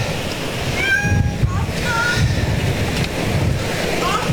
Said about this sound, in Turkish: Sizin kedi mi? Gel, burada bir, bu tarafta hanımefendinin kedisiymiş.